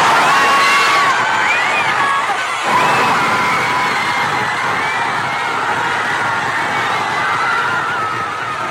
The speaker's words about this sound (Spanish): Así vibraba el Zócalo capitalino, la Plaza de la Constitución, vibrando totalmente ante los gritos, los saltos y la algarabía de estos mexicanos, que solo 3 goles, pero 3 goles que de verdad hicieron vibrar a todo un país.